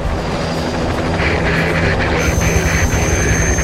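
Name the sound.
helicopters taking off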